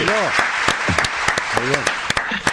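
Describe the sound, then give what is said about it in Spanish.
Close, lively clapping from a few people applauding a new joke, with sharp irregular claps over a steady wash of hands, while voices laugh and call out over it. “Aplaudamos que es un chiste nuevo.”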